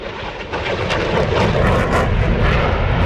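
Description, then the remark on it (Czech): A powerful aircraft engine roars loudly and steadily, a broad rushing drone that swells slightly as the plane passes over at an air show at Hradec Králové airport in the Czech Republic, with no voices. “K vidění budou i tentokrát desítky letadel, vrtulníky, ale taky pozemní vojenská technika.”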